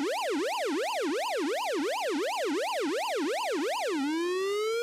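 A loud, siren-like 'exclusive' news stinger jingle with a fast, steady up-and-down warble for about four seconds, then a single tone sliding upward at the end. No voices are heard.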